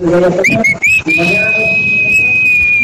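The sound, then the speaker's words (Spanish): A person whistles: a few short rising chirps, then one long steady high whistle held for about two seconds, fairly loud, with some background murmur and noise underneath. “Ah, espérate, el chiflidito, venga, solo, una, dos, tres.”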